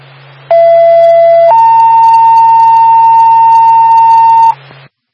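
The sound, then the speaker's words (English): A fire dispatch alert tone before a Twin State Behavioral Fire Department general alarm for an activated propane detector in Haverhill: a steady lower pitched tone lasting about a second, then a higher steady tone held for about three seconds, loud over a low constant hum, no voices. “Stand by for tone.”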